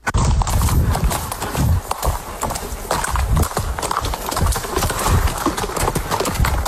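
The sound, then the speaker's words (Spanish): Horse hooves clip-clop steadily, a brisk run of loud, hard strikes on the ground that continues throughout with no one speaking. “Volver a montar tu caballo, volver a cuidarlo.”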